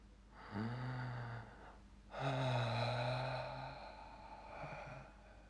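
Two long, deep breaths, a drawn-in inhale followed by a slower, voiced, sigh-like exhale, fairly loud with no talking.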